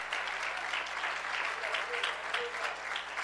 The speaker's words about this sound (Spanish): Les saludamos con un fuerte gloria a Dios esta noche. Aleluya. Dele ese aplauso al Señor con alegría.